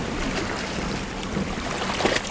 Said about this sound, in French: J'entends le bruit des vagues qui se fracassent contre les falaises. Nous sommes au bord de la côte sud de l'Angleterre.